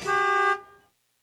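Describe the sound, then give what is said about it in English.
A single short car horn honk, loud, a steady bright blare lasting about half a second before cutting off with a brief fading ring. “Whether you want an SUV, a truck, or what is it called? A car.”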